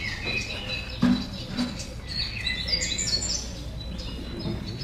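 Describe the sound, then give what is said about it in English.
Several birds sing and chirp on a new morning with the sun up, in scattered, overlapping high trills over a soft steady background hum, with no one talking. “It's a new morning. The sun is up. The birds are singing.”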